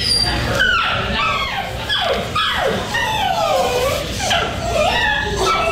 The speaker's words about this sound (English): So I secretly started recording in the waiting room so you could hear the dog.